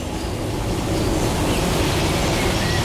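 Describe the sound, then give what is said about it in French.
Steady, fine rain patters on leaves in the Gaylor oak grove, a dense hiss of countless tiny droplets at an even, unbroken level, with no voices. “Une pluie fine s'abat dans les feuillages.”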